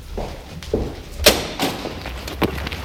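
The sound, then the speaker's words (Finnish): A door creaks and rattles open with a few soft knocks, then lands with a sharp thud, followed by a couple of lighter bumps as it settles shut. “Mä tuun samalla oven avauksella.”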